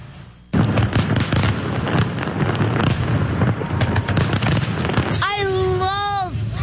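Loud fireworks at the annual fireworks night display over the water in Windsor, Essex, going off nonstop, with deep booms under dense crackling bursts, and a wavering, whistle-like tone rising and falling near the end.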